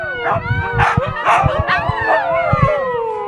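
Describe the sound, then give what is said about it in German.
A pack of eight huskies howl and yip together in a loud, overlapping chorus of rising and falling wails, with no pauses over a few seconds. “Er betreibt die Bergschule Lechtal und hat ein Husky-Rudel mit 8 Tieren.”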